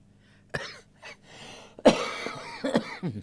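A series of harsh coughs from one person, a few sharp bursts spread across a few seconds with a throaty, rasping quality and short pauses between them.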